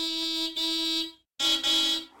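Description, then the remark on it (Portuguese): A car horn honks loudly in four sustained blasts: two back-to-back, a short pause, then two more. The tone is steady and brassy, with no voices. “E a resposta correta é... alguém a buzinar num carro.”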